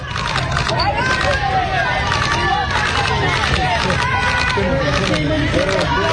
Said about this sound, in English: This is a crowd on a Bronx street in New York. Listen to these people.